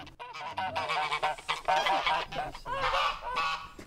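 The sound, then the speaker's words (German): A pair of geese honk loudly and agitatedly, their harsh, overlapping calls coming in rapid bursts with no pause, sounding aggressive and defensive as they defend their nearby nest. “Das Gänsepaar ist nicht ganz so friedlich wie die Bienen. Sie verteidigen ihr nahegelegenes Nest.”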